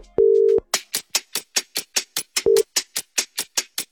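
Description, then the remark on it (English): A steady electronic phone tone sounds briefly, then again shorter, as a call is placed to a listener in Perth who must answer within 10 seconds, over a fast, even series of loud percussive thumps that continue throughout. No one speaks. “All she needs to do is just answer her phone in 10 seconds. So let's give her a call.”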